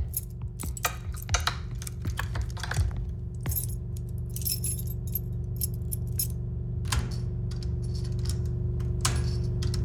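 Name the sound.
keys jangling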